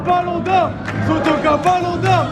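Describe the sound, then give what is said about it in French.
A large crowd of supporters at the Hôtel de Ville cheers and applauds the players after a cup win, waving blood-and-gold scarves and flags, with scattered claps and shouting voices blending into a loud, continuous roar of celebration. “Chacun des joueurs a droit à son tonnerre d'applaudissements.”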